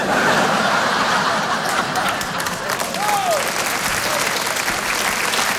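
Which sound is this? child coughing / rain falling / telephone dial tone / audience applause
audience applause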